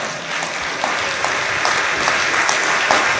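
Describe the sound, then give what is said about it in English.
A crowd claps steadily together as a hand clap of praise to God, a dense wash of many hands with a few sharper claps standing out, sustained and fairly loud throughout without any talking. “If I got parents in here, you ought to say amen and give God a hand clap of praise.”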